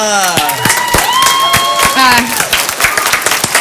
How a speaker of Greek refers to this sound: Σταματήστε, δεν αντέχω τόσο χειροκρότημα.